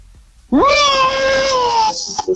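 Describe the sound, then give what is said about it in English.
A person imitates a big cat's roar with one loud, sustained, tonal cry that swoops upward at the start, holds steady for over a second, then cuts off abruptly. “Give us your roar.”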